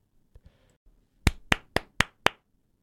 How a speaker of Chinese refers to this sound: 今天要分享的电影呢，就是2025年上映的台湾灾难动作惊悚电影《96分钟》，掌声鼓励一下。